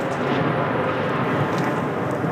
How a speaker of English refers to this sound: that was a Russian drone strike not too far away. I recorded that on my phone. These jet-powered drones move very fast. It's hard for Ukraine's air defenses to shoot them down.